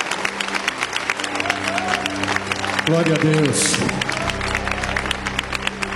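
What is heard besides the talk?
audience applause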